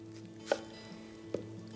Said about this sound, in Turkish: Şimdi tereyağım erirken ben soğanımı doğrayacağım. Sonra o soğanı tereyağın içinde kızartacağız.